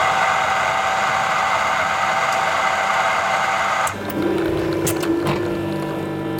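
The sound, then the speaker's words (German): A touchscreen coffee machine in a monastery runs with a steady, loud mechanical whir. About two-thirds of the way in, the sound shifts to a lower pump hum with a sustained tone and a few sharp clicks. “Eine Kaffeemaschine mit Touchscreen, da bleibt kein Wunsch offen.”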